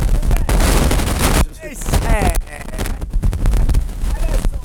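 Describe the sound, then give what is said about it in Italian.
A heavy thunderstorm roars, loud, dense rain and wind noise crackling with sharp bursts, easing briefly while a voice speaks, then surging back under the talking. “Adesso c'è il temporale a cannone!”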